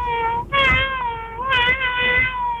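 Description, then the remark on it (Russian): A person imitates a cat, giving two loud, drawn-out meows with a brief pause between them, the second longer and wavering, and no other talk. “ну если это вы так мяучите, то очень правдоподобно, действительно.”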